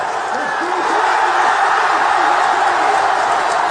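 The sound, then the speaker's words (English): A dense, loud crowd roars and cheers continuously, a steady wash of shouting voices with occasional higher whoops rising above the din, as Scottish football fans at a watch party in Glasgow celebrate the final whistle of Scotland's first World Cup match win in 36 years. “That's how the final whistle was celebrated at a watch party in Glasgow.”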